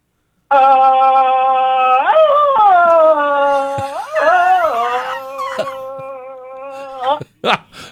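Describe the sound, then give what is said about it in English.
A male phone-in caller imitates a deep Tarzan jungle yell as a contest entry: one long loud sustained call that warbles and wavers in pitch, rising and breaking a few times before cutting off with short bursts. “The deep Tarzan.”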